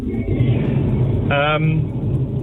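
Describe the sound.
Steady low road and engine rumble fills a moving car's cabin throughout, with a brief voice fragment rising over it midway.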